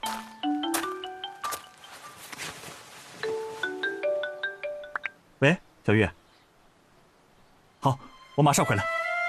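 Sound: mobile phone ringtone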